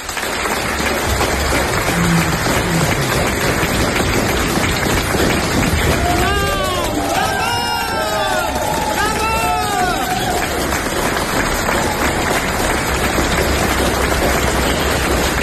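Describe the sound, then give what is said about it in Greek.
A large audience applauds a woman receiving a prize, steadily throughout, a dense, continuous wash of clapping, with a few rising cheers or whoops breaking through in the middle. “If you clap a little bit more, I may share this prize with Trump.”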